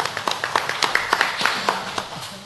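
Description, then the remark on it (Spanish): Applause from a small group at a press conference for the 24th Feria Agropecuaria Artesanal Virgen de la Puerta in Otuzco, a steady patter of overlapping hand claps at moderate volume, continuing without a pause. “Fuerte los aplausos, por favor.”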